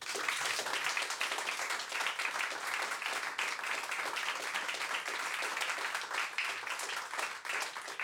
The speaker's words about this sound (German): Bitte um einen herzlichen Applaus für das ….